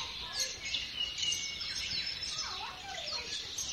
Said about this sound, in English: Martin's written a nice list of bird species that you can hear on the stream